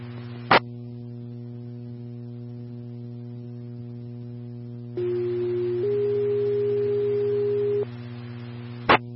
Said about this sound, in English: standby for tones.